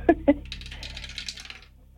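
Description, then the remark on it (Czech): A hand-held game die drops into a dice tower: two sharp knocks, then a quick rattling clatter as it tumbles down and settles, fading out within about a second. “držím v ruce kostku, drž mi pěsti, protože ji právě vhazuji do naší věže.”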